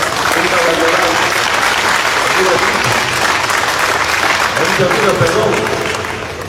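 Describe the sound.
A crowd breaks into sustained, loud applause, a dense wash of clapping that holds steady for several seconds before starting to taper off, with faint voices mixed underneath.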